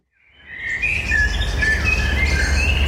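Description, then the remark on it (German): Blackbirds, chaffinches and carrion crows sing continuously at dusk near Thrun on 15 May 2021, with overlapping whistled phrases and chirps that fade in and hold steady, over a low outdoor rumble. No one speaks. “Amseln, Buchfinken und Rabenkrähen dürfen fleissig gesungen haben, wo sich in der Abenddämmerung vom 15.”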